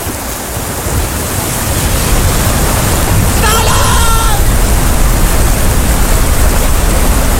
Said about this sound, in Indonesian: Duh guys, hujan lagi gimana dong? Iya hujan ya. Selama kita di sini, perasaan hujan terus deh.